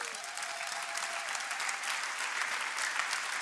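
Steady, dense clapping from a sizable audience, sustained at an even level throughout without pauses, with no one speaking over it.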